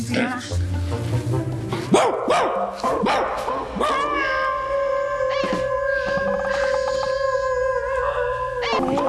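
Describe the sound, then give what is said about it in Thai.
A person imitates a dog, starting with a few short yelping barks, then holding a long, steady, wavering howl that fills the second half, loud. “ไม่ต้องจ้างไม่ต้องจ้างพี่หอนเหมือนกว่าดู”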